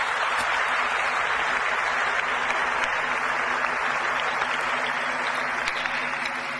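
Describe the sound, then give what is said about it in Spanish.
Sustained, dense applause from a large audience, steady and loud from start to finish with no voices breaking through. “como así también para todos nosotros presentes el día de hoy, un fuerte y caluroso aplauso, mis queridos hermanos.”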